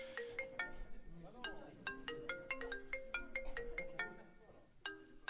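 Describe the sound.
A phone ringtone plays a bright, repeating melody of short electronic notes, steady, with a faint murmur of voices underneath.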